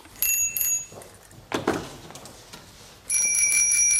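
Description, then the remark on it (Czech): Bicycle bells being tried out in a bicycle shop ring in bright, sustained bursts: a quick double ring near the start, a duller clunk in the middle, then a long clear ring to the end, with no talking. Some bells ring only weakly, some not at all. “Dobrý den, já zkouším zvonky. Ano. Některé zvoní málo, některé vůbec ne.”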